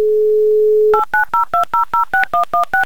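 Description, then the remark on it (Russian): A steady low dial tone hums for about a second, then ten quick touch-tone beeps follow in an even rhythm as a game show dials a contestant's phone number in Dimitrovgrad, each a clear two-pitched chirp. “Итак, набран номер Данила, звоним в Димитровград, очень ждем гудки и очень ждем Данила в эфире.”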